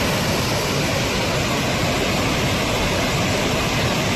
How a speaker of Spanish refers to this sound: Así suena el río Besós, que baja con mucha fuerza hasta ahora. De hecho, la alerta hidrográfica es extrema. En las imágenes se aprecia el enorme caudal que está descargando.